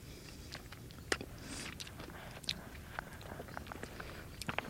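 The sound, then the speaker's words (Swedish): Wet chewing and smacking of juicy, bright orange sea buckthorn berries, slightly sour with a small hard stone, with irregular crunchy bites and squelches repeating over a few seconds against a quiet background, no talking. “Alltså det går ju inte motstå de här knallorangea bären som de ser så otroligt inbjudande ut. Vi smaskar på dem.”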